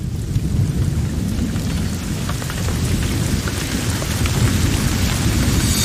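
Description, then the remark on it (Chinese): A thunderstorm, the first of the rainy season, with heavy rain pouring down steadily and loud, deep thunder rumbling underneath the whole time. No one speaks. “雨季的第一道闪电划过天空”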